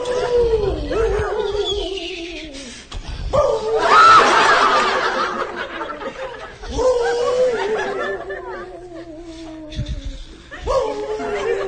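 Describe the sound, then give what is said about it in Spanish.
A person imitates a wolf, letting out several long, wavering howls that slide downward in pitch, loud, with brief pauses and what sounds like stifled laughter between them. “lobos aúllan.”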